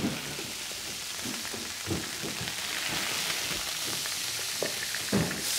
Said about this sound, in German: Schön von allen Seiten anbraten, aber nicht anbrennen lassen.